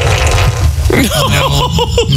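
A wet, sputtering fart comes as a quick run of bubbly bursts with a wobbling, bending pitch, lasting about a second over a steady low rumble.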